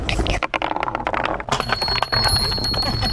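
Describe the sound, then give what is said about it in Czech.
Small bells on a wooden marble run in a park in Zámostí chime repeatedly over a busy clatter of wooden marbles rolling and knocking along a winding track, with bright sustained ringing tones lingering in the second half. “Mně se líbí na tom, že nejsou k tomu nějaké i ty zvonečky.”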